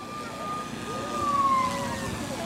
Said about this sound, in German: Ah, ganz leise, okay. Das Martinshorn.